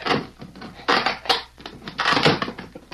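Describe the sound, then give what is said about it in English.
Creaking, splintering wood and sharp knocks come in two or three loud bursts with brief pauses between, as a wooden box is pried open with a hammer. No one speaks. “Here, I'll pry the box open.”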